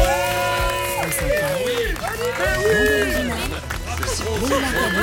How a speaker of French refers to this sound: Rarement Daniel Pénac a été autant applaudi en son absence.